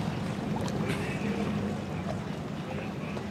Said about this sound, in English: Our next boat coming up here, Mike Butterfield out of Sunrise Beach, Missouri, called Deep Thought, 2025 DWR. See him cruising up into the start box, again, 40 miles per hour.